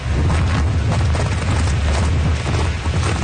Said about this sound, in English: God, the wind would take you away. Okay. Newfoundland is one of the windiest places in the world.